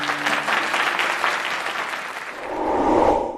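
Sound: audience applause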